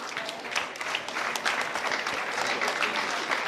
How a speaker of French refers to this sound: Je vous demande également de les accueillir très chaleureusement pour ces 2 prochains titres. On peut vous applaudir.